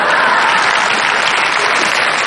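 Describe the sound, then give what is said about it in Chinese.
A dense, steady wash of audience applause at a stage performance by a comic duo, many hands clapping loudly and continuously without a break, with no voices standing out over it. “这是他们最发自肺腑的一次掌声。”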